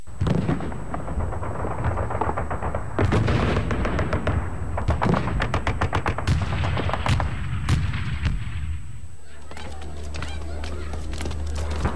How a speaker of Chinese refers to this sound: 1937年，我住在北平的法线胡同。7月8日清晨，听到稀稀疏疏的机关枪声，便以为是普通的打靶练习，当时并不在意。